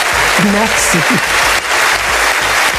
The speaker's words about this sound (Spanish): Larga y sin duda merecida ovación para ….